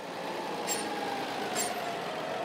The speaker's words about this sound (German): Für die insgesamt 60 Hektar Anbaufläche hat Carsten gleich 5 Traktoren mit Streuwagen geordert.